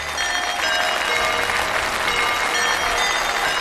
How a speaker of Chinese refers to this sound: 现在让我们以最热烈的掌声有请吴老师精彩开课。